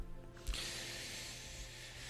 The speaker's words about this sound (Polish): I już tak strzelam tą zapalniczką, ale to niektórzy myślą, że ja tak odpalam papierosa od papierosa, ale to niekoniecznie jest tak. Po prostu palę jedną fajkę, tylko ona mi gaśnie.